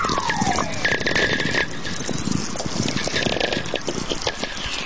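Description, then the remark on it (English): Natural VLF (very low frequency) radio whistlers: falling, sweeping tones glide down through a dense, steady wash of crackling static and popping, with a faint constant tone humming underneath, and no voices. “These whistlers are really coming in big streams now.”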